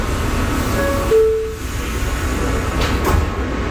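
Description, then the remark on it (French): Steady rumble of a subway train heading north to Harlem fills the background as a short two-tone chime sounds, followed by the soft thud and hiss of sliding doors closing. “Le métro nous emmène maintenant plus au nord, en plein cœur de Harlem.”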